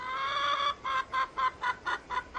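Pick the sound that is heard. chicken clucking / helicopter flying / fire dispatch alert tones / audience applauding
chicken clucking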